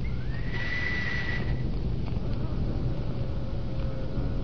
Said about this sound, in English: And the door opens. Why, that's smart. You see, the sound of the whistle operates an electric lock. Smart, eh?